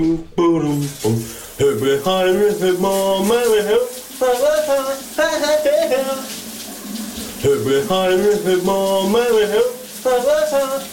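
A man sings a lilting melody in several phrases, with short pauses between them, over the steady hiss of a running shower.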